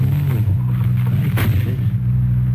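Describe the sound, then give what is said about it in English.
A car engine rumbles loud with a steady low drone, a brief sharp burst of noise cutting through partway before the motor keeps running on its own. “Shut up and hop in the car.”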